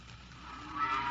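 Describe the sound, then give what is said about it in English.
A cow lets out a drawn-out moo that swells louder toward its end, with a faint murmur of other cattle behind it and no talking, in Farmer Lodge's barns south of Holmestoke, Wessex, where 80 cows line up at night for milking. “80 fine cows line up at night for the milking, and the chatter of the milkers echoes through the stalls.”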